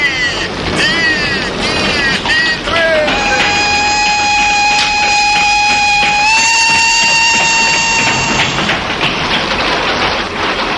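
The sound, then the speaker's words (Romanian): A train rushes past with a loud, steady rumble, and a long sustained horn blast sounds for several seconds, stepping slightly higher in pitch before it cuts off. “Ce tren politicos!”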